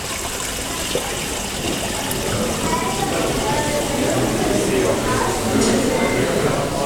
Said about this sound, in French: Il n'y a qu'à regarder l'ambiance de la salle à manger avec ce cours d'eau qui ruisselle et dont le chuchotement et le clapotis peut être ce clin d'œil perpétuel à l'autre.